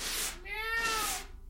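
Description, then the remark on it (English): A single drawn-out meow from a male cat being petted outdoors, fairly loud, rising then falling in pitch over about a second, set against a faint hiss of background noise. “And then I saw my cat, so I pet my cat.”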